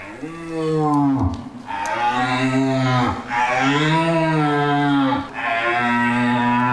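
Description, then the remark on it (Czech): A young red deer stag's roar blown on a deer caller, demonstrating how game is lured at a hunting gathering: three long, loud bellows in quick succession with brief breaths between, rising and falling in pitch, no talking. “A že to byl mladý jelen a teď to starého jelena.”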